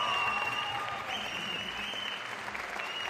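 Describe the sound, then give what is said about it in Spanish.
Sustained applause from the audience at Prepa 9, a preparatory school marking its 60th year, clapping for their school during a taping of the program Súbele a la Ciencia: a dense steady wash of many hands clapping at a fairly even loudness for about three seconds, with no one speaking over it. “Un aplauso para su prepa, por favor.”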